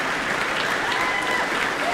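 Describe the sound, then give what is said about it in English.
A large Proms audience in Sunderland, with standing promenaders in the arena, claps steadily in a dense, continuous wash of applause after an orchestral performance, with scattered cheers and whoops rising above it, sounding full throughout. “Cheers and applause there from our audience.”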